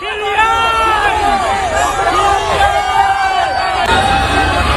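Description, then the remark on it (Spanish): A dense crowd in Boston shouts and cheers excitedly at the arrival of Mbappé and the France football team, many voices overlapping in a loud, continuous roar of chanting and yelling that stays steady throughout. “Así suena la llegada de Mbappé a Boston.”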